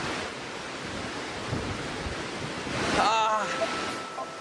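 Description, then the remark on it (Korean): Victoria Falls roars as water pours down the cliff with heavy spray enveloping the falls, a dense, steady rush that fills the whole clip, with wind buffeting the microphone and a brief faint voice rising near the end. “우기에는 분당 5억 리터의 물이 절벽 아래로 쏟아진다는데요. 엄청난 물보라가 빅토리아 폭포 주변을 감쌉니다.”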